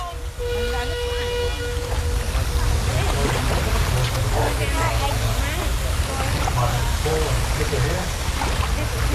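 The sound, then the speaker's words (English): Outdoor riverside ambience by the Murray River in the Riverland, Australia: a steady, fairly loud wash of water and low rumble, with a humming motor tone fading early on and scattered faint chirps throughout. “I'm by the Murray.”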